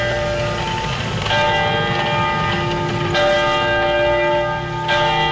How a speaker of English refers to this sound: For us here in Oakland, we are right across the street from a church that plays bells at different times of the day. Those bells remind me of the bells that called my ancestors 6 a.m. to wake up and to begin prayer, and at noon to stop and to eat.